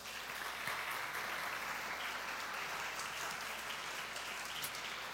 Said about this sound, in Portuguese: Eu queria que vocês aplaudissem esse povo aí.